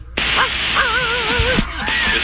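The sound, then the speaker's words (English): A pilot imitates a dog barking over a crackly air traffic control radio channel, two drawn-out, wavering voiced calls buried in steady loud static, with sharp clicks as the transmission keys on and off. “Okay, so they're meowing, they're barking.”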